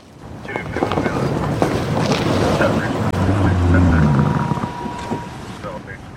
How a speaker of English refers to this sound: A squad car rolls down the city's bike path in the center of town during the annual homeless count.